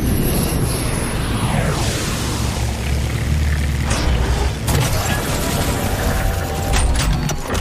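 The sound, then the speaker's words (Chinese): A loud, constant aircraft engine roar fills the scene as the left engine is on fire, with deep rumbling and sharp bangs and crackling bursts erupting in the second half, like a damaged engine sputtering and booming. “博士，左侧的发动机起火了，”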